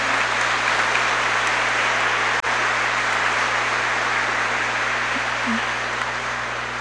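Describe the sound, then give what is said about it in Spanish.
A crowd claps steadily for several seconds in gratitude for a donation to a church project, a dense, continuous wash of applause that holds an even loudness from start to finish without fading. “está acá para que le demos un fuerte aplauso de gratitud.”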